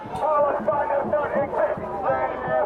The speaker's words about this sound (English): They were surrounded by a large crowd of counter-protesters.